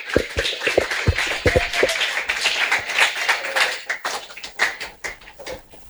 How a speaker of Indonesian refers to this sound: Sekali lagi berikan tepuk tangan yang meriah untuk ibu dokter.